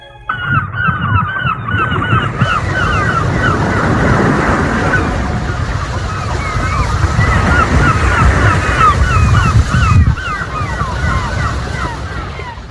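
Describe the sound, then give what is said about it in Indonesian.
Steady rushing surf from breaking waves in the morning in a remote border region fills the background, with a busy chorus of honking geese calling repeatedly over it. “Di sebuah wilayah perbatasan yang jauh dari hiruk pikuk kota, pagi selalu datang bersama suara ombak dan langkah anak-anak menuju sekolah.”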